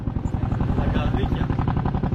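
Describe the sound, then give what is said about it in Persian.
A helicopter's rotor beats in a fast, steady thumping rhythm, loud and continuous, with a low engine drone underneath throughout, as helicopters fly through thick smoke rising from hilly, forested land to drop water on a wildfire near the Costa Brava in Catalonia, Spain. “ویدیوهایی که توسط سازمان آتش نشانی کاتالونیا به اشتراک گذاشته شده، هلیکوپترهایی را نشان می‌دهد که در میان توده های زخیم دود که از زمین های تپه‌ای و جنگلی بلند می شود، برای ریختن آب روی شعله های آتش در حال پروازند.”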